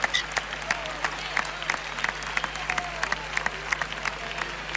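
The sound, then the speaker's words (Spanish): Scattered applause from a large crowd in the stands of a bullring at a bullfight, with sharp irregular claps spread across the stands and a steady low murmur beneath. “Palmas de respetable, algunos pañuelos que afloran por los tendidos.”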